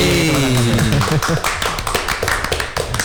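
A burst of hand clapping, quick, sharp claps repeating in an uneven rhythm for a few seconds, fairly loud, with a voice heard briefly at the start.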